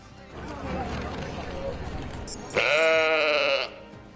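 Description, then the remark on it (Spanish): A single loud sheep bleat, wavering for about a second, follows a few seconds of muffled, murmuring background noise. “Tal día como hoy, de 1996, nacía la oveja Dolly, el primer mamífero clonado de la historia.”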